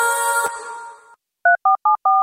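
signal or alarm, telephone keypad dialing tones

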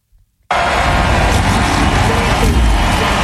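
vehicle, race car engines starting

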